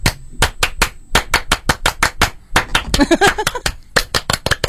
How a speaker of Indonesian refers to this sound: Untuk Cherry, tepuk Pramuka. Go!